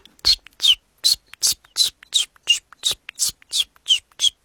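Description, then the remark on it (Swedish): A person imitates chiffchaff song, voicing about a dozen short, breathy, whistled-hissing notes in a steady, even rhythm, each note bright and high, repeated alone with no other talk. “Jag har varit i Göteborg nyligen och där sjöng bland annat gransångar som är ganska sentida invandrare i södra Sverige. Hur låter den? Ja, ungefär så här.”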